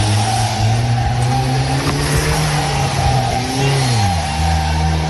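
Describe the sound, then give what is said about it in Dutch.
A heavily damaged car, after crashing into several parked cars, revs loudly and steadily, its pitch rising and then dropping as the driver flees the scene, with no voices over it. “Hij ging dus vandoor in zijn zwaar beschadigde auto.”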